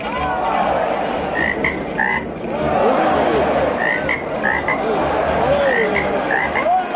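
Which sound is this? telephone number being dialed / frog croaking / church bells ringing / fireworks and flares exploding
frog croaking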